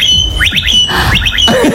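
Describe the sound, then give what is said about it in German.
A blackbird sings a mimicked electric scooter sound: repeated rising whistled sweeps in quick groups of three, with a steady high tone between bursts and lower warbling notes, loud. “Aber die kann auch gut Sachen imitieren, die Amsel, ne? Ja. Unter anderem den E-Roller.”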